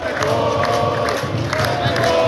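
Football fans in a large stadium chant and cheer continuously during the second half of a match, a dense roar of many voices with rhythmic surges, sustained and loud throughout without any single speaker standing out.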